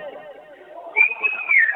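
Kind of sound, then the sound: crowd, stadium crowd whistling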